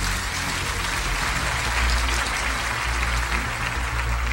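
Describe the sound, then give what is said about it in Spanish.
An audience at a church service applauds the Lord together before sitting down, a dense, steady wash of many hands clapping that stays loud and even for several seconds without any voices rising above it. “Ahora dale un aplauso al Señor antes de sentarte.”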